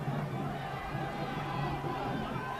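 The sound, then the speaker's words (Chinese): A stadium crowd of football fans cheers and roars during a match after a player is fouled to the ground, a steady, dense wash of noise holding at an even loudness throughout with no clear individual voices. “场上的球迷在欢呼”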